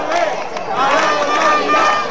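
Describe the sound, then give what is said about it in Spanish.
A large crowd of residents of Ceuta, Spain, gathered in protest, shouts together calling for a return to normality after a mass entry of migrants, in a dense, steady roar of many overlapping voices, loud and sustained throughout with slight surges in intensity. “Es el grito unánime de los ceutíes.”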